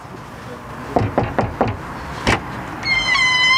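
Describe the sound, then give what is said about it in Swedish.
Social Democrat canvassers knock four times on a woman's front door in Linköping, Sweden, ahead of the September election; a sharp latch click, then a sustained high squeal as she opens the door, over a low background hum. “Ett exempel på det är en kvinna som öppnar sin dörr och säger att hon vill kalla sig för”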